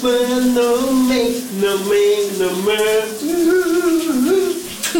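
A pop song with a sung melody plays continuously, muffled and smeared beneath the steady rushing hiss of shower water, the vocals rising and falling throughout. It is played on a Danish radio morning show as a guess-the-song game.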